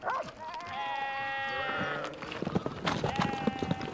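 A sheep lets out a long, quavering bleat, followed after a pause of scuffling and clattering by a second, shorter bleat, on a steep, rocky mountainside outdoors.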